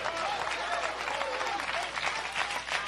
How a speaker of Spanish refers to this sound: Todavía, ay Dios mío, yo voy a aplaudir por usted en esta noche. Porque no es a mí que me está aplaudiendo, sino al Dios de la gloria. El que le da palmas es a Dios que bendice.